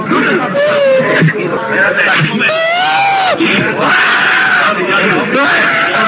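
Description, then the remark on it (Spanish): A man cries and wails loudly, his voice rising and falling in long, wavering sobs that run almost without pause for several seconds; a footballer having a fit of nerves as his shin guards and foot bandages are removed after a possible fracture. “Y está llorando.”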